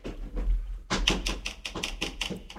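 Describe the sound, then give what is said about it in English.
A big bird pecks at a hotel room window at night: a quick, uneven run of about a dozen sharp, bright taps after a brief faint hum, with no voices. “There's some big bird out there flying around. It's tapping on our window.”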